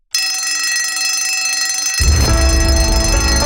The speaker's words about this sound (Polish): Dzwonek już dzwoni